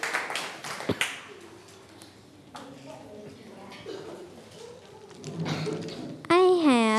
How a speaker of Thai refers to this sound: ปรบมือเพื่อนหน่อยครับ